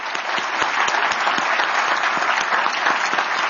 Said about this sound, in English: give another round of applause for Assistant Secretary Basler